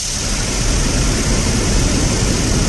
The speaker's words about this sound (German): Also das lieb ich direkt schon. Ich schlafe ja immer mit Ventilatorgeräusch ein, jede Nacht. Und das ist vom Sound das Wasser genau mein Ding.